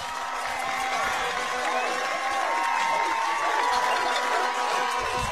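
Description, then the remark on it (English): A large baseball crowd in Pryor roars and cheers after Dax Thompson's three-run home run to left field puts the Tigers up 5-2, a steady, dense wall of sound that holds loud for several seconds, with scattered whoops and shouts rising above it. “Home run for Dax Thompson, and that gets Pryor off their feet.”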